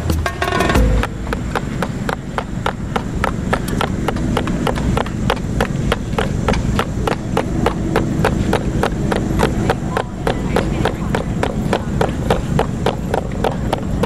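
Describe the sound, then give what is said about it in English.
Steady, brisk hoof-like clip-clops tapped out with glasses cases and equipment cases on a wooden surface, mimicking the rhythm of a horse and carriage passing in Central Park, continuing evenly for the whole stretch over a low, constant outdoor rumble. “this is horses clopping in Central Park, and I'll try to mimic that one”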